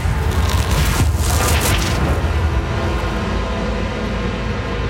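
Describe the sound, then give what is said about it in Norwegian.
A loud, steady roar of the flames of an execution bonfire of wooden logs, lit with a torch, at Nordnes; deep and rumbling, with bursts of hissing crackle in the first couple of seconds before settling into a constant dense rush. “Lyden av flammene ble høyere og høyere.”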